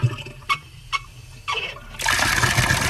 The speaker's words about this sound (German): Hahn aufdrehen, Wasser fließt.